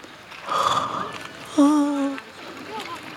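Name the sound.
yawning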